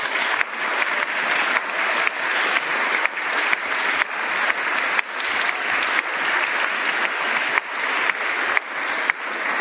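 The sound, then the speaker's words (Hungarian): A crowd applauds loudly and steadily for about ten seconds, a dense, continuous patter of many hands clapping with no talking over it. “Ők is egy nagy tapsot megérdemelnek.”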